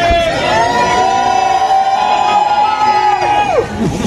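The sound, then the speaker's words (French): A crowd of fans at the Arc de Triomphe cheers and shouts loudly and continuously as Céline Dion arrives by car around 2 pm, with high-pitched screams and excited voices rising and falling together over a steady roar. “Dans le public, les premiers cris...”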